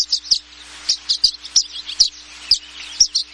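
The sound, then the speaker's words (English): Dozens of violet-green swallows gathered on electrical wires in the western United States before migration chatter in a steady stream of quick, high twittering chirps, many calls overlapping in an uneven, busy rhythm with no voices present. “But now, they gather on electrical wires by the dozens in the western United States, chattering away as part of their pre-migration networking.”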